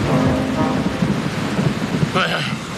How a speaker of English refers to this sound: Listen. Sounds like more thunder.